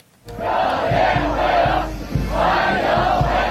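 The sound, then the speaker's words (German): Dozens of young Chinese people in blue shirts and white trousers, lining the way and waving small Chinese flags, shout welcome in unison as Donald Trump steps off his plane in Beijing, a dense, sustained roar of many voices rising in rhythmic swells, loud throughout after a brief silent start. “Dutzende junge Chinesinnen und Chinesen in blauen Hemden und weißen Hosen stehen Spalier, wehen mit kleinen chinesischen Fahnen und rufen herzlich willkommen”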